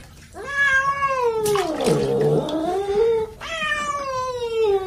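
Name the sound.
cat yowling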